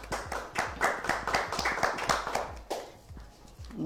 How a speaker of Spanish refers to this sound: Con mucho orgullo por tenerla acá, recibamos un aplauso a Amanda Vinimelis Lerzondi.